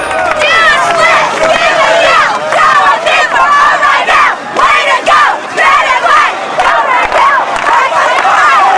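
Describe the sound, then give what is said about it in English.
A crowd of students at a pep rally beside a bonfire cheers on cheerleaders shaking red and white pom-poms, many voices shouting and whooping together in a dense, continuous roar with rising and falling excited yells. “A crowd of students cheers them on.”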